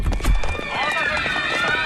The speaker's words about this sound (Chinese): 哟，这人们都在往楼下跑啊，是不是着火了？